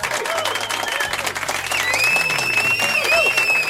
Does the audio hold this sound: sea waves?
no